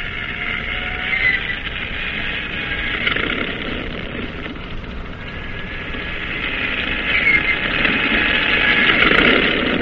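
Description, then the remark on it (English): A propeller airplane engine on a cruiser's catapult starts and runs with a steady, rough drone that gradually builds in loudness as the propeller spins up, with no voices. “Start engine. Stand clear. Turn over.”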